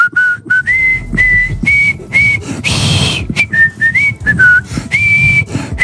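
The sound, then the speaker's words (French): A person whistles the Marseillaise, the French national anthem, a clear melodic tune with steady held notes and short breaks, loud, with a brief burst of hissy noise midway. “Ce que je peux vous dire, c'est qu'on n'est pas à Saint-Denis, on n'est pas chez Monsieur Bagayoko, mais je vais quand même siffler la Marseillaise pour conclure cette émission.”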